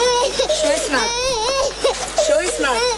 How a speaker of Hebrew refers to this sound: בהגעה שלנו לגן ילדים אנחנו מריחים ריח חזק של סמים וצעקות של ילדה קטנה שבעצם מתחילה לבכות. הצוות שנכנס בעצם לגן מתחיל לבצע סריקות מהחלון. אנחנו מזהים ילדה קטנה בת 4 כאשר היא בוכה והיא צועקת לעזרה.